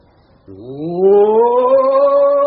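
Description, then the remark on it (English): A man lets out a long, rising roar in imitation of a big cat, starting abruptly and swelling louder and higher for a couple of seconds, unaccompanied. “All the great orators roar before commencing their speeches.”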